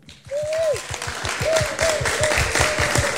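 An audience at a Santiago Metropolitan Regional Government event applauds to welcome a heavy rock band with a female singer, dense overlapping claps holding at a fairly loud level for about three seconds, with a few sustained whistles or cheers riding over the clapping.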